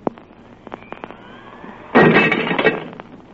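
A few sharp ticks and clinks lead into a sudden loud crash of a drinking glass on the edge of a table shattering, a bright burst of breaking shards that rings briefly and trails off, with no voices.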